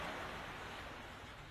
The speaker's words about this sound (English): Let me turn the waves down.